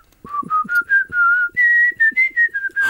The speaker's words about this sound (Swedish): Nej, men jag kan nog vissla på några …-sånger faktiskt. Får jag höra? Jag kan prova en.